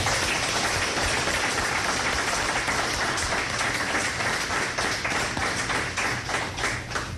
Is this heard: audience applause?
yes